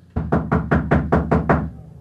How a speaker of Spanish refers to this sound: ¡Ya voy! ¡Ya voy! ¡Ay! ¿Por qué todo ese ruido? ¡Ay! Dejen de golpear y abriré la puerta.